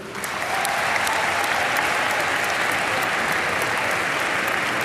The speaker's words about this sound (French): Et on est allé jusqu'au bout, donc je voulais vous en remercier et je pense qu'on peut s'applaudir.